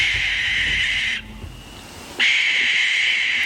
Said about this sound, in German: Oder dann die Schleiereule.